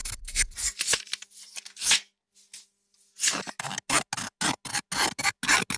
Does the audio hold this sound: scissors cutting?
yes